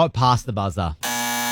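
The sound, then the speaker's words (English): A speaking voice cuts off as a loud, flat electronic game timer buzzer blares steadily for about half a second, a harsh sustained tone ending a contestant's timed turn in a word game. “It was past the buzzer.”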